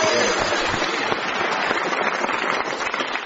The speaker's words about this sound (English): And as these strips of silver paper fall from the ceiling, and as the pitiful indoor fireworks pop away, we reach the end of today's show.